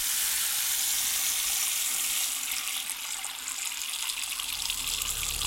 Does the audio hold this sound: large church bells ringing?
no